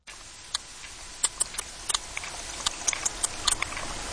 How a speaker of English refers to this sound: It has a bit of a beat to it, doesn't it? Well, that click is actually the sound of a sperm whale. It's been recorded off the coast of Ibiza.